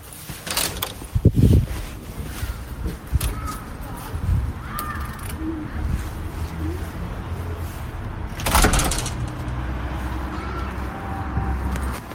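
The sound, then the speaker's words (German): A door of a data center building opens onto a busy main street, Breite Straße in central Potsdam, Germany: steady traffic rumble fills the background, a few louder vehicle swooshes pass, and crows caw faintly. “Bevor es weitergeht, verlassen wir das Gebäude und treten einmal vor die Tür.”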